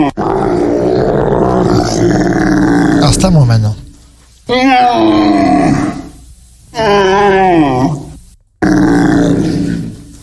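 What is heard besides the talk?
roe deer calling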